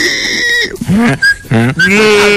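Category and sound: animal, goat bleating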